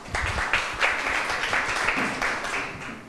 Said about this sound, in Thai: อบอุ่นจังเลยปรบมือให้เพื่อนหน่อยค่ะ